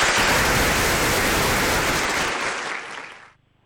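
An audience breaks into dense, steady applause, welcoming a singer to perform a passage of the opera Chaoyanggou, a loud wash of many hands clapping that holds for about three seconds before quickly dying away.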